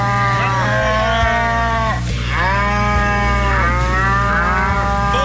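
Three long, drawn-out cow moos follow one another closely, each call loud, sliding in pitch over a steady low background hum.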